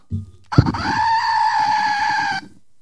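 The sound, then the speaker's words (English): A goat bleat, one of three sound instruments used on a show, sounds once in a long, steady, nasal cry lasting nearly two seconds, preceded by a short low thump. No one speaks. “And I have a goat.”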